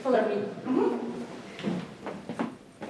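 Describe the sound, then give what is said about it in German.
Wooden floorboards creak and groan underfoot in a few drawn-out, uneven bursts, moderately loud, with soft footstep thuds between them, in the Russian Theatre in Riga, Latvia. “er führt über knarzende Holzdielen, vorbei an klobigen Ledersesseln und vergilbten Theaterplakaten.”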